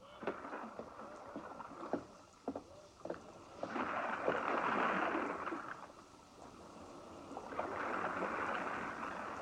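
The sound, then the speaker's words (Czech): A general's rowboat pushes off and moves through water, with oars splashing in uneven strokes and surges of sloshing, rushing water swelling and fading. “Generálův člun odrazil.”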